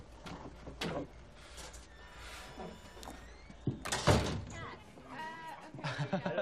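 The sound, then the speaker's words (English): A door swings shut with a single solid thud midway through, surrounded by indoor room noise and indistinct voices murmuring before and after. “Close the door.”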